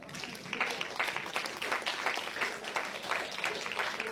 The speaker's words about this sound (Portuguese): Palmas para Jesus.